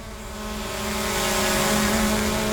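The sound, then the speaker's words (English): A drone flown by Western Power to inspect power lines hums steadily with a buzzing, whiny motor drone that grows slightly louder as it approaches. No voices, just the continuous propeller whir. “While Western Power is flying drones to inspect the lines,”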